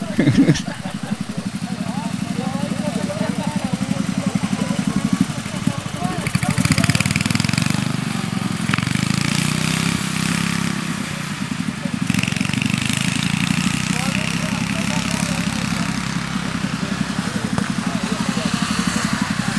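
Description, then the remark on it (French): Several racing ride-on lawn mower engines roar loudly and continuously, their droning, buzzing revs rising and falling throughout. “Que là, c'est, ça reste des tondeuses, quoi.”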